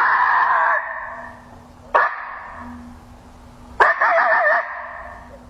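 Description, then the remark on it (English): A coyote challenge call played on an electronic caller: harsh, raspy barks in sequence, the last stretching into a short, wavering howl that breaks off abruptly. No voices are heard. “You can hear it's a couple of barks and then a short howl, and then it breaks off.”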